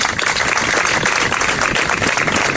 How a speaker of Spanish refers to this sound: Se terminaba ese emotivo acto de ayer tarde con estos aplausos.